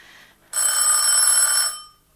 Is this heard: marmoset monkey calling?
no